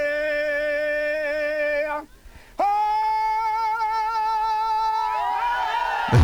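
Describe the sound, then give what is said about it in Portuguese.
A cowherd's aboio cattle-herding call rings out loud: a long, wordless sung call in two drawn-out phrases with gliding, wavering pitch, broken by a short pause. “Rapaz, ele aboiou, ele fez esse aboio aí, ó. E aí quando ele deu esse grito, a vaqueirama saiu atrás do gado dentro da caatinga.”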